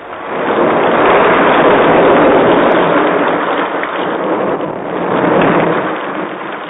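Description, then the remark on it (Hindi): Heavy rain pours down in a dense, steady roar, loud, swelling and easing slightly over several seconds with no voices. “बहुत तेज बारिश हुई।”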